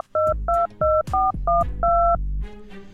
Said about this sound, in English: So I'd love to check up on the guy, find out how he's doing. We're going to dial him right now. Ring. Let's hope he answers the phone.